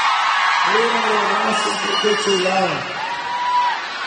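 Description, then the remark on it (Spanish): A crowd of women cheering and whooping loudly on the Expresiones FM radio show, a shout for all the girls in love, with rising and falling shouts layered over a steady roar of voices for several seconds. “Que sea el grito de las mujeres.”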